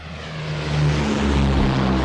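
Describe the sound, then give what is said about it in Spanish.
Airplanes taking off, their engines a steady, deep droning roar with a low humming tone that swells slightly louder over two seconds; no voices are heard. “Esos son los aviones que despegan, que no son los de ellos.”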